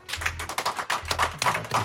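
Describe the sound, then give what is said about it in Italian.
A brief burst of applause from the audience of a radio show, many hands clapping in a dense, crackling patter that holds steady for about two seconds with no voices over it. “Intanto non so se vi siete accorti che abbiamo anche il pubblico, e siccome pubblico è radio e non è televisione, il pubblico deve fare un applauso.”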